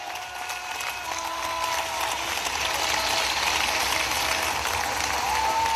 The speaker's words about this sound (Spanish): Bueno, ¿cuántos le dan un aplauso grande ahí al Cristo de la gloria?